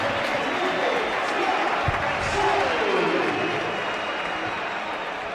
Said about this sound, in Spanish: Yo diría que hay más aplausos en la salida de Fransol que pitos.